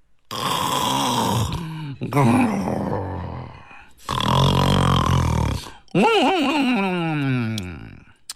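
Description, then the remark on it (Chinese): A storyteller's voice imitates the loud, elaborate snoring of a fat monk asleep on a rock between two trees in a forest, heard by Yang Zhi: four long, varied bursts of rasping snorts, rumbling groans and warbling, pitch-swooping whistles, each separated by short pauses, vivid. “喂呀，这是谁打呼噜呢？怎么这么花哨啊？”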